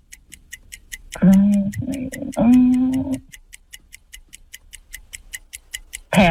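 A game clock timer ticks in a fast, steady, sharp rhythm from start to finish during an alphabet quiz game, while a voice briefly cuts in over the ticking partway through.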